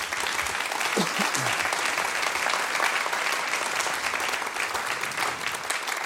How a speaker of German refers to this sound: Waschechte Preisträger hier auf der Bühne. Kleinen Applaus, bitte.